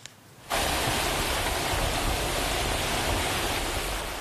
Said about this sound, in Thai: ฝนและลมกระโชกแรงพัดกระหน่ำบนหมู่เกาะนอร์เทิร์นมาเรนาอย่างหนักค่ะหลังจากซูเปอร์ไต้ฝุ่นบาวีเคลื่อนตัวผ่านเกาะโรต้าเมื่อช่วงเช้าวันนี้หอบเอาฝนตกหนักและลมกระโชกแรงที่มีความเร็วสูงถึง290กิโลเมตรต่อชั่วโมงเข้าถล่มพื้นที่